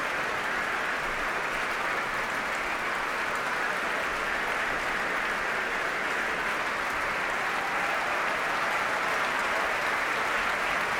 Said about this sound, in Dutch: Groot applaus ook van de muzici van het Concertgebouworkest. Voor Sejong Jin Cho. En het hele orkest mag nu gaan staan.